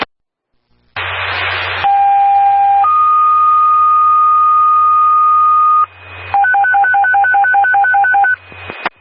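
Over a burst of radio static, a loud fire dispatch page sounds, toned a second time for an automatic fire alarm activation with multiple smoke detector activations: a short steady tone, then a long higher tone, followed by a rapid series of alternating beeps before the channel cuts off.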